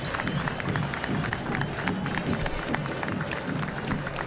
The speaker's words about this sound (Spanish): Aplauso de la gente, el minuto de silencio.